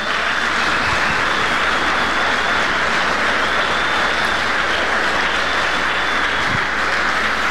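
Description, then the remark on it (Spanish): An audience breaks into sustained, loud applause for the King of Glory, a dense steady wash of clapping that holds evenly for the full stretch without any voices. “¿Cuántos le quieren aplaudir al Rey de la Gloria todavía?”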